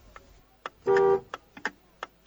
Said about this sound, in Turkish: Klakson sesi duyuyorum. Herhalde otobüs seni almaya geldi. Biraz gecikti ama geldi, neyse.